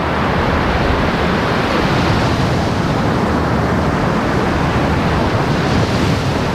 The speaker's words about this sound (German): Wir hören ja auch schon hier das Meer rauschen, die Wellen. Das ist ja einer der schönsten Strände auch hier.